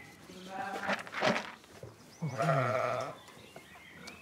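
Sheep on a farm in North Rhine-Westphalia, Germany, bleat in a wavering, nasal chorus as they are driven out to pasture in the morning: one cry peaks near the first second, then a longer, louder bleat swells around two and a half seconds before fading.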